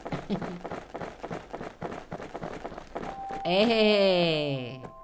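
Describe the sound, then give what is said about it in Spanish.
Quick, steady footsteps of a person running, with a brisk regular rhythm for a few seconds, then a loud warbling tone takes over near the end. “¿Cómo está corriendo?”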